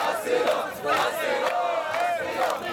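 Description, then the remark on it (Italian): A crowd of migrants camped for weeks on an open-air beach encampment shouts in protest, many raised voices overlapping into a loud, continuous roar, with individual cries rising in pitch above the mass every second or so. “L'odore dei corpi ammassati giorno dopo giorno, gli uni vicino agli altri, tra il mare e la montagna e senza servizi igienici, è fortissimo e iniziano a scattare le proteste.”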